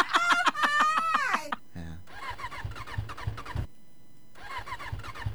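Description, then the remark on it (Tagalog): A motorcycle engine is cranked and sputters in two short rhythmic bursts with a pause between, fairly loud, after a brief stretch of a voice at the start. “kaya bisag sapo ko sa sulod kaya mo kung matingog ba na akong motor?”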